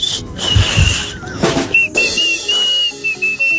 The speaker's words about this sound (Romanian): am 10 ani și știu să fluier așa.